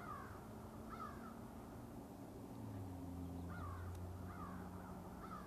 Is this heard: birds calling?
yes